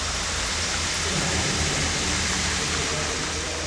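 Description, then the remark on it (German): Steady, dense rush of flowing water, a broad constant hiss with no breaks, fairly loud, heard alone without any voices; water used as sound material that the artist Leitner sends through a cube. “Wasser ist aber nicht das einzige Klangmaterial, das Leitner durch den Würfel schickt.”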